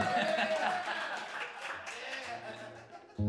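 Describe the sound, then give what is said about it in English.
A crowd at a live music gig applauds with steady, dense clapping, mixed with cheers and murmuring voices, and ends in a sudden louder low thump. “Put up your hand if you feel like you need some applause right now.”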